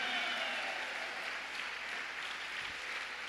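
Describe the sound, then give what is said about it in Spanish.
A church audience claps steadily for God, a dense wash of overlapping applause that holds at an even, fairly loud level throughout with no voices standing out. “Vaya pues, aplauda, hija, porque hay quienes ni aplaudir pueden para Dios.”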